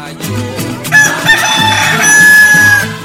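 A rooster crows loudly in one long, strained call lasting about two seconds, set over a steady, rhythmic music bed.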